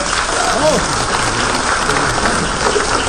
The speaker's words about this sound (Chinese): 大伙儿这热烈的掌声啊 啊， 我认为不是献给我的。 什么 献给我的搭档，